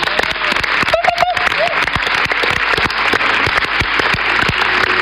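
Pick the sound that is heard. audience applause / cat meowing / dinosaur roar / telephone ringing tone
audience applause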